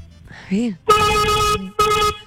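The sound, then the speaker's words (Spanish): A brief voice comes first, then two loud, steady horn blasts from a driver's vehicle, the first held longer, with a short gap between them. “Uy, sí, amor, qué pitazo, Dios.”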